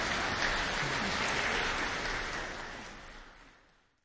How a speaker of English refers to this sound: I think that applause at the end says it all. What a great way to send off this final performance on this season of Live from Hochstein.